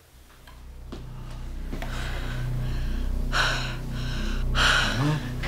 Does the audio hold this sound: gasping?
yes